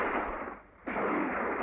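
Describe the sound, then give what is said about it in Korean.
A dense, rapid burst of gunfire rings out again from ahead, crackling loudly, thinning out for a moment, then resuming just as heavily, with no voices. “앞에서 또 자지러진 총소리가 울렸다.”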